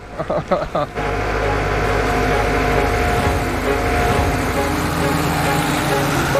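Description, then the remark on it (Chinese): A tractor engine, driven by a woman tractor driver in Binhai Village, rumbles loudly and steadily after a second of clattering knocks, its low, droning chug continuing without pause, with voices faintly mixed in beneath the noise. “女拖拉机手”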